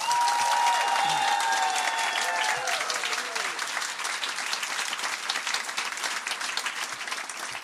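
Sustained audience applause for a performer at a poetry slam, dense rapid clapping that stays loud throughout and eases slightly toward the end, with a few brief tonal whistles or cheers rising above it early on.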